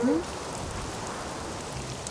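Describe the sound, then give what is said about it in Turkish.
Steady, dense hiss of heavy rain in a storm, with a windy rush running continuously underneath; a brief voice fragment sounds at the very start. “Şiddetli rüzgar ve yağmur bu sesleri çıkarıyor.”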